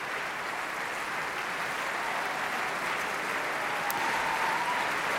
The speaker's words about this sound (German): Nun betreten die Walküren die Bühne. 1, 2, 3, 4, 5, 6, 7, 8 Damen in blauen Kitteln mit goldenen Schärpen. Auch sie holen sich den wohlverdienten Applaus ab.